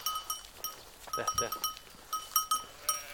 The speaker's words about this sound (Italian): ha le sue pecore e le porta al pascolo fin da quando era bambino.